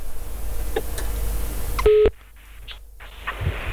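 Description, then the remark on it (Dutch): A short burst of electronic telephone tones as a phone call is being placed, a steady mid-pitched beep with a stacked harmonic band, sounds abruptly over a low background hum and cuts off, followed by quieter line noise. “Als ik dit hoor, hoor je de pieptonen?”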